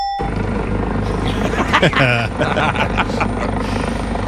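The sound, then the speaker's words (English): A helicopter's rotor drones loudly and steadily throughout, with a brief burst of voices rising over the din midway. “One way to shut up your player who's complaining about not getting paid, land a helicopter on him during his press conference.”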